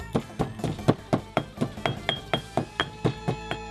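Black peppercorns and kaffir lime peel being pounded in a mortar: a steady run of about fourteen sharp, woody thuds, roughly four per second, each strike loud and even with a slight clink, and no voices.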